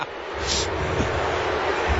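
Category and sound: crowd, stadium crowd booing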